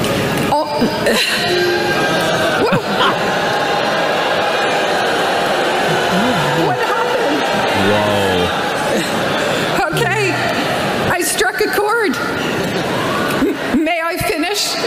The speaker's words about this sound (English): Wow. That's an aggressive boo. That just one person took off and then the whole crowd, thousands of boos. And I think she goes again and gets bigger booed.